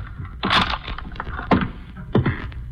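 A door is pushed shut with a solid thump, followed by two sharper knocks and rattles as the lock is worked, over a low, steady background rumble.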